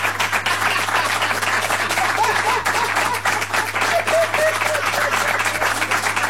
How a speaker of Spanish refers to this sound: Aplauso para los padres.